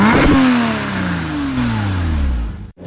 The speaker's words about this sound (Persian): طرف قرمز رد کرد. اومد ای داده بیداد، داغونمون کرد.